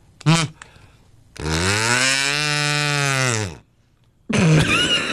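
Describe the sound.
A single long, droning moo from a cow noisemaker toy used to celebrate Cow Appreciation Day, slightly rising then falling in pitch, framed by brief bursts of voice before and after.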